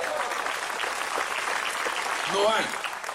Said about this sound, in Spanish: Denle fuerte ese aplauso.